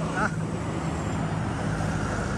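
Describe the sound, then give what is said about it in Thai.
A steady, continuous rumble of jammed road traffic, a long queue of cars unable to turn back, engines idling and crawling, a dense low hum that stays at an even level throughout without clear breaks. “ผ่านก็รถติดกันบานเลยนะครับดูนะครับยาวดูเทินกลับก็ไม่ได้นะครับ”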